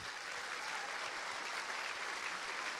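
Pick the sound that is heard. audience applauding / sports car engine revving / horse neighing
audience applauding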